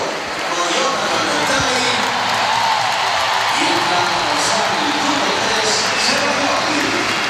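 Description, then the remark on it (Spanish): A stadium crowd at a Spanish women's national football team match gives a sustained ovation as Mariona Caldentey goes: a dense, steady roar of cheering and many voices at an even, loud level throughout, with scattered higher shouts rising above the mass. “Y así suena el estadio.”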